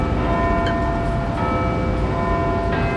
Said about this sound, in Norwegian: Jeg hører noen klokke. Eller kirke, kanskje. Det trafikk og masse folk. Kanskje det et klokketårn?